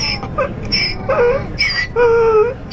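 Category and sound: animal, dog whimpering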